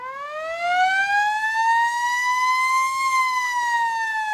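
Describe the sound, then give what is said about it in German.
A village fire alarm siren calling out the fire brigade sounds a single loud, sustained wail that slowly climbs in pitch and holds steady, rich with overtones, with no voices over it. “Wenn so ein Alarm bei uns durchs Dorf schallt, ist immer große, große Aufregung.”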